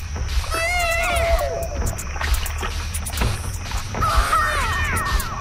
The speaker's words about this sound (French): C'est un bébé, en fait, sur un vinyle, dans un vinyle de Sound Effects des années 70.